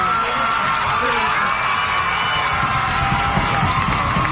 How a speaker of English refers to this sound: Like 20 friends cheering for him right now. I've never seen anything like that. They're fired up after that foul ball. I gotta think they all know that kid.